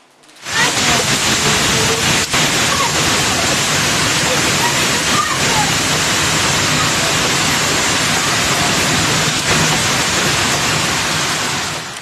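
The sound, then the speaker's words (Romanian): A dense, steady roar of heavy rain and pelting egg-sized hail fills the whole recording, loud, with occasional sharper impacts cutting through the constant downpour; a violent hailstorm hitting the town of Câmpul Lung Mușel in Argeș County. “O furtună violentă cu grindină a lovit orașul Câmpul Lung Mușel din județul Argeș.”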